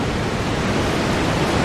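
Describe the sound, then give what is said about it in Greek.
A steady, dense rush of sea-wave noise blended with the constant whir of a kitchen range hood fan, loud and unbroken throughout, with no voices. “Αυτό είναι τώρα θάλασσα, αυτό είναι θάλασσα, μίξη με απορροφητήρα είναι”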